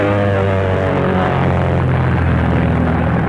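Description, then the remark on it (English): Steady, loud drone of a military training plane's propeller engine in flight, with a student pilot at the controls and an instructor in the rear seat, a continuous harmonic hum with a slight pulsing throb, unbroken throughout, with no voices. “With the student at the controls, the instructor in the rear seat directs her in the finer points of flying military planes in a military way with tricky maneuvers.”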